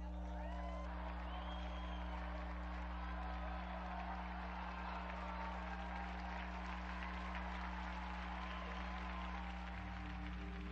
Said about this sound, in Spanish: Unidos pues a la gran familia tolentiniana, brindemos nuestro vivo aplauso a San Nicolás de Tolentino.